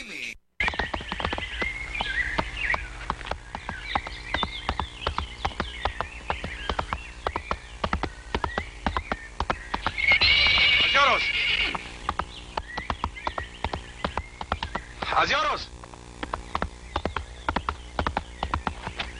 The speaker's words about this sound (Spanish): Caballito, véngase, véngase mi caballo.